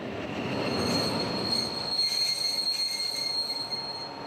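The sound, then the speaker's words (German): Metal train wheels squeal steadily on the rails as a locomotive shunts slowly to get in front of its train, a sustained high-pitched screech over a low rumbling rolling noise, with no talking. “Jetzt rangiert Roland noch mal um.”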